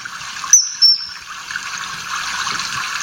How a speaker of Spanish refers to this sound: El Martín Pescador, pues es un pez, un pájaro muy bonito, ¿eh?, que vive donde haya agua siempre porque es pescador y se alimenta de peces.